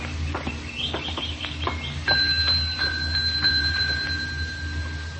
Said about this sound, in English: Oh, there's a bell over there on the desk. That might be a help.